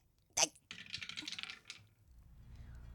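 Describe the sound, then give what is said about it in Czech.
A die is tossed onto a hard table with a sharp clack, followed by about a second of quick rattling clicks as it tumbles and settles, with no talking. “Hele, já vemu kostka. No dobře. A já hazu, jo?”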